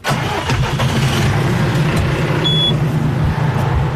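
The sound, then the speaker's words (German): A tractor engine, with a trailer carrying four large water tanks, rumbles steadily, a low, even chugging that holds throughout with a few brief mechanical clanks near the start and no one speaking. “Gut, Der Traktor und ein Anhänger mit vier großen Wassertanks ist parat.”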